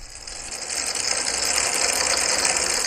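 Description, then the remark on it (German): A dense, steady clatter of 10,000 table tennis balls spread over a large surface, rattling and ticking together as fans on two sides blow air jets that make them collide, over a continuous whooshing hum, swelling slightly at first and then holding at a constant loud level. A sound installation under the roof of a storehouse. “Auf einer großen Fläche sind 10.000 Tischtennisbälle verteilt. An 2 Seiten der Fläche stehen Ventilatoren.”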